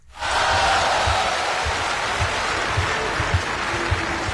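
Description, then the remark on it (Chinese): Sustained audience applause welcoming crosstalk performers Guo Degang and Yu Qian onstage, a dense steady wash of clapping that rises quickly and holds at an even level throughout, with a few sharper claps standing out near the end. “这期节目里咱们为您安排播出的，这是郭德纲和于谦合说的一段相声《你本善良》，这也是郭德纲《我和你》系列作品当中的一段，咱们来掌声有请这二位。”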